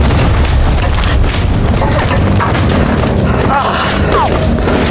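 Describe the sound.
Heavy explosion booms roll through a dense, loud battlefield din under heavy suppressing fire, the deep rumble continuous for the whole stretch, with muffled voices buried in the noise.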